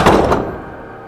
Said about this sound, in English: He reaches in and shuts the door, turning toward Chuck.